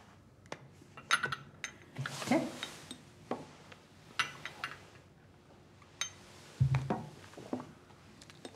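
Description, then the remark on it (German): Thick homemade eggnog liqueur poured into a small glass, with a short soft gurgle among scattered glassy clinks and light taps, then a dull thud as the bottle is set down. No one speaks. “Darf ich Ihnen ein Gläschen von meinem selbstgemachten Eierlikör einschenken?”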